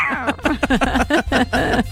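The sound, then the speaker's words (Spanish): A voice imitates a cat, giving a quick run of about seven or eight meows with rising and falling pitch, fairly loud, with no other sounds around it. “Oye, qué bien lo imitas.”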